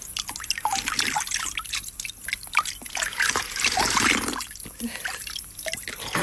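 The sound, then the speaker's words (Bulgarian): Cold water trickles and drips steadily from a small spring at a little well while hands splash and scoop through it, someone splashing their face and drinking, producing irregular wet slaps over the continuous running flow. “Чекай се наплискам. Чекай. Чекай да пинем.”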